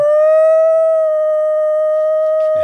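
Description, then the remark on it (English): Dogs howl in one long, steady, sustained note that holds its pitch for a few seconds, loud, with a brief scuffling noise at the very end. “The dogs have that one.”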